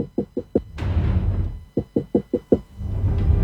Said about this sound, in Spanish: El tipo estaba dentro del auto. Los otros conductores le golpeaban la ventanilla.